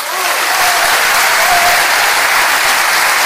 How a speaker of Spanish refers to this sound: Ovación atronadora para Luis de la Fuente, pregonero de las fiestas de La Vega.